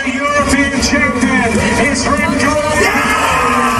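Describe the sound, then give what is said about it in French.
Belgian cyclist Remco Evenepoel shouts and whoops loudly and excitedly after winning his first European cycling championship title in a photo finish, his voice strained and continuous, over a noisy, crowded background with a steady engine-like rumble. “Voilà les cris de joie de Remco Evenepoel après donc son premier sacre européen hier.”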